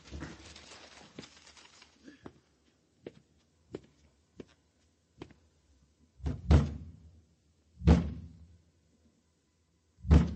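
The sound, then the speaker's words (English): A series of hollow thumps and bangs on the wooden cabinet of a broken, burned-out radio, struck by hand: several light knocks at first, then three heavy, loud blows spaced a second or two apart. “Bang it again.”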